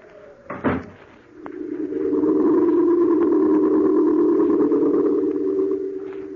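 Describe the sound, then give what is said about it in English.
A door shuts with a single sharp thud near the start, quickly followed by a loud, steady low drone that swells in and holds to the end. No one speaks. “I shut the door behind me, very casually, just as if I really were going to London.”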